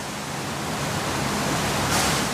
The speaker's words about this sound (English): Here the soil is sprinkled with clean water to rinse away the larger elements. It's a simple enough setup. Sieve, rinse, shake, and keep repeating until the PFAS are released into the water.